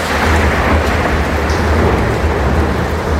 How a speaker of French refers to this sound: Pendant ce temps, à l'extérieur du bâtiment, le tonnerre gronde sur Jupital, comme un écho aux explications de la voix.